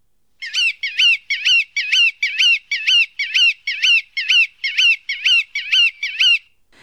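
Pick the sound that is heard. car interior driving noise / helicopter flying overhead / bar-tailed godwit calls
bar-tailed godwit calls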